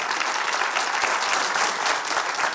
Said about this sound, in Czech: Takhle vám tleská Kaplice.